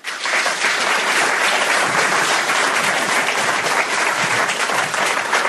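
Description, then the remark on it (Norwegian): Sustained applause from a large audience at a conference in Honningsvåg, welcoming the meeting's moderator, dense and steady clapping for several seconds at a fairly loud level, with no talking over it. “Så mine damer og herrer, gi en varm applaus til møteleder Skjalg Fjellheim.”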